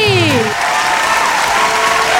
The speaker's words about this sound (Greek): Λοιπόν, είδες, σου έβαλα και χειροκρότημα, αλλά ας το ακούσουμε κιόλας. Έτσι, γιατί το είπες φανταστικά και σου άξιζε χειροκρότημα.